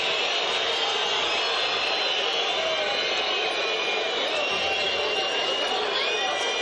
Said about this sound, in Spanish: Silbatina generalizada. Los jugadores de Independiente se quieren ir lo más rápido posible. Silbatina para este bravo momento de Independiente, que perdió 4-1 con el Instituto.